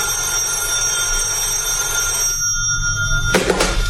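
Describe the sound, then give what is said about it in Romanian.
An old-fashioned telephone bell rings steadily and loudly, a sustained metallic trill with a bright burst near the end. No voices are heard. “Coniță, răspunde la telefon.”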